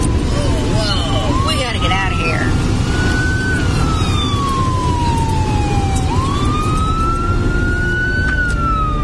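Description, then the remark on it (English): A fire truck siren wails in long, slow rising and falling sweeps, loud, as the truck approaches from behind, over a constant heavy rumble of engine and road noise. “Uh-oh. Here comes a fire truck behind us.”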